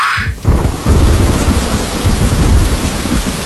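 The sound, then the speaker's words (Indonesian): A thunderstorm with heavy rain: dense, steady hiss of downpour and a deep rolling rumble of thunder filling the whole stretch, loud, with no voices. “Hujan, badai, dan angin kencang bisa datang kapan saja.”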